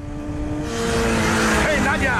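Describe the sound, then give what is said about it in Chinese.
A motorcycle engine, ridden by Moreau, drones steadily, then swells louder and rougher as it approaches, its rising whine filling the short moment as the bike arrives. “这时，摩洛骑着摩托车出现了，而他正是要为布雷兹他们引路的。”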